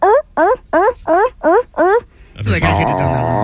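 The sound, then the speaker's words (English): A person imitates California sea lion barks: six quick, evenly spaced, throaty barks, followed by a louder, sustained, rougher vocal sound. “which are California sea lions. It's what they sound like.”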